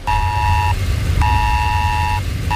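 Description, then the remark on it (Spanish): A loud, steady emergency alert tone on mobile phones, warning of severe storms and flooding in the New York and New Jersey area, sounds in long on-off bursts, a sustained high beep repeating over a constant low rumble, with no voices. “Sí, alerta por tormentas severas e inundaciones en la zona de Nueva York, en Nueva Jersey, con un mensaje que nos ha llegado a todos los móviles similar al del Esaler de España que tenemos en nuestro país y que ha sonado así.”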